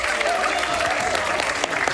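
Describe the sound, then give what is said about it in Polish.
A crowd applauds steadily for a caller on Polskie Radio Dzieciom, dense clapping filling the whole moment at a fairly loud, even level, with a few faint voices or cheers mixed into the noise. “Brawka, oklaski i wiwaty.”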